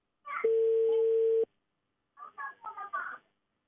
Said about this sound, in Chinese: 稍等啊，电话正在接通当中，看这位工作人员会不会接我们的电话。